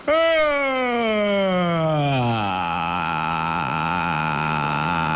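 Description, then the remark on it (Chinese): A loud, exaggerated yawn made to find a vocal-fry sound: a voiced sound sliding steadily down in pitch, then settling into a long, low, slightly rough drawn-out ending that holds for several seconds. “不是打哈欠会不会、啊？ 打哈欠会啊！”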